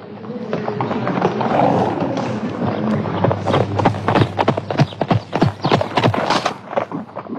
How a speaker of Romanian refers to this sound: Nu e prea lesne să urci în șa. Ce cal înalt mi-au adus!